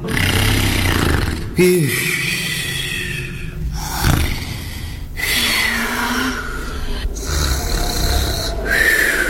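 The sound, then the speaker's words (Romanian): A bear growls loudly in a series of deep, rasping, snoring-like bursts separated by brief breaks, with harsh breathy snorts running through the roughly nine seconds. “Dar de care deodată urs blestemat, semen cu bordură. Auzi, fiara dracului.”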